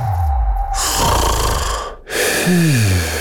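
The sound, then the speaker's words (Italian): Two loud, rasping snores from sleepers follow one another closely, each a long noisy breath with a low rumbling tone underneath, with no talking. “Sveglia, dormiglioni!”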